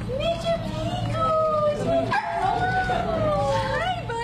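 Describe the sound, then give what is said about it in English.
An excited cocker spaniel, Mr. Pickles, lets out a continuous run of high, sliding whines and yips, rising and falling in pitch over a steady low rumble, as he comes through the doors of Veg ER, a veterinary hospital in Chapel Hill, on Thursday, July 16th. “On Thursday, July 16th, a very excited Cocker Spaniel made his way through the doors of Veg ER, a veterinary hospital in Chapel Hill.”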